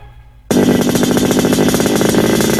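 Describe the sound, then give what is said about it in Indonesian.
After a brief low idle, a motorcycle with a loud, newly fitted aftermarket exhaust suddenly revs up, holding a harsh, rapid-pulsing roar for a couple of seconds with no one talking. “Pe berisik. Pe banyak lagi DP asap. Kan knalpot baru toh, hasil nabung.”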